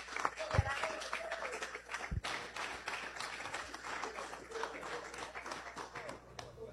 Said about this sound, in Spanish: Lo que les quiero decir es que efectivamente es un ejemplo a seguir y sencillamente decir Dios le bendiga y un aplauso para ella y con ella la salud del Táchira.